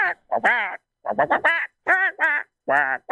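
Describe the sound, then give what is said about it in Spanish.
A person imitating the cartoon voice of Donald Duck in a contest for the best impression, producing a rapid series of raspy, nasal squawking bursts with short pauses between them, loud. “No califica como la mejor voz de Pato Donald.”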